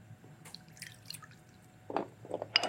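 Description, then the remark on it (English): Half a cup of water is poured into a homemade sauce mixture containing about a quarter cup of maple syrup, heard as a few wet splashes and drips clustered near the end after a quiet stretch, with no one speaking. “And then we're going to add some water, 1/2 cup of water.”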